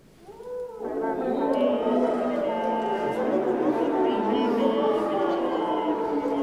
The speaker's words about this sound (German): Oder manchmal wollen die Komponisten und Komponistinnen auch, dass die Blechbläser in ihre Instrumente reinsingen.